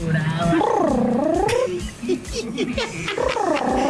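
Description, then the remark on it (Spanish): A voice, sent as a WhatsApp audio, imitates how Kiko from El Chavo del Ocho cried: an exaggerated, whiny wailing with drawn-out wavering howls that rise and fall, broken by short sobbing bursts in the middle, loud. “¿Cómo lloraba Kiko del Chavo del Ocho?”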